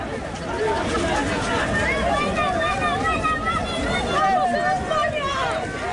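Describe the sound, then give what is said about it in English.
A large crowd of people, many of them Moroccans, running along the beach in Ceuta fills the scene with loud, continuous hubbub: many overlapping voices shouting and chattering at once, steady throughout, with a busy outdoor wash of noise underneath. “Well, that footage shows crowds of people, many of them Moroccans, running along the beach in Ceuta.”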